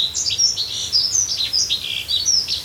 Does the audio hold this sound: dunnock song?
yes